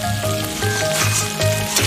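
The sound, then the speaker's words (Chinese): Food sizzles steadily in hot cooking oil, a continuous crackle and hiss with a low rhythmic hum pulsing underneath. No one speaks. “对，这个油其实一放下去之后，那个香味就起来了。”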